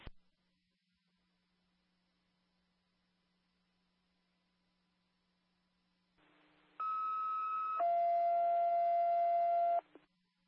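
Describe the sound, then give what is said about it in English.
A baby box alarm test tone sounds after a quiet stretch, during a planned test of a baby box on Art Lane: a loud, steady electronic tone that shifts once to a second pitch, holds for about three seconds, then cuts off. No one speaks. “You said two dispatchers normal on the baby box test? That's correct. Last time we had an alarm, it didn't hit our pagers.”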